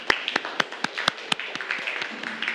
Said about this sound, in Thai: ปรบมือให้กับกลุ่มที่3ค่ะ